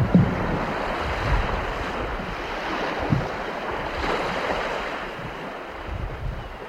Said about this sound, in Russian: Волна на озере ходит норовистая, ветер идет сам по себе, волна зачастую вразрез.